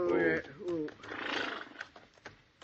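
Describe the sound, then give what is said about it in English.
A horse gives a loud whinny with a wavering, descending pitch, followed by a long breathy snort and a few faint knocks, while the horses are rested in the shade of big rocks. “We'll rest the horses a minute, and we'll head on back to the herd.”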